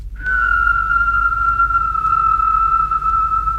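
A person whistles, holding one long, steady note for over three seconds with only a slight downward drift in pitch; it is loud, with no talking.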